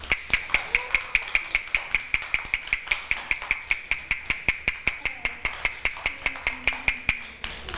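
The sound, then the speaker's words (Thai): A teacher taps a fast rhythm for children: a quick, steady series of sharp wooden taps, about four per second, with a bright ringing tone, continuing evenly for several seconds with no one talking. “คือจังหวะอะไรคะจังหวะเร็วถูกต้องค่ะ”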